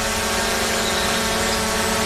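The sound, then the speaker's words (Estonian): A steady, dense mechanical buzz of drone propellers hums at constant loudness throughout, continuous with a fixed whining pitch and no speech. “Droon on peremehe nägu.”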